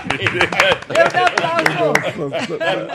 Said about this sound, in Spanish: ¡Aplaudan! ¡Muy bueno! ¡Muy bueno!